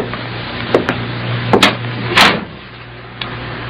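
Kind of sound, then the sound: household object, door closing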